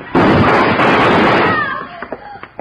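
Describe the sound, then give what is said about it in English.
A loud gunshot bursts out suddenly and roars on for over a second, then fades away while faint whistling tones and small pops trail off. “I'd have done it, too, if Hickok hadn't been faster on the draw.”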